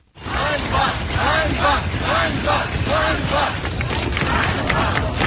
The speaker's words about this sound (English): You can hear people shouting shame there. That's on the streets of Kyiv, but there have been other demonstrations in Lviv, Kharkiv and Dnipro as well.